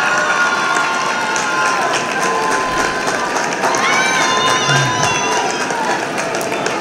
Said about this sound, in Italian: Questo bellissimo applauso è perché il Porz ha presentato la macchina, hanno recuperato, siamo contenti.